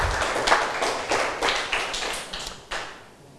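A group of students in a broadcast maths lesson claps hands for all the students after reciting a formula together, in a quick, slightly ragged rhythm, roughly ten sharp claps that blur together before trailing off, with no talking over them.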